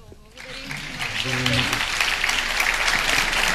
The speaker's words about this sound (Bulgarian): Прекрасно, аплодисменти още веднъж за господин Кирил Вълчев, за Виджей, наш специален гост на церемонията тази вечер.